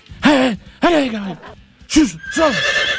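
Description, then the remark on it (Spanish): A horse neighs, letting out four loud, quavering whinnies in quick succession, each with a breathy, snorting edge, with no talking. The horse is in a spot with plenty of grass. “Y ahí, obviamente, hay harto pasto, así que no creo que se vaya a mover muy rápido el caballo.”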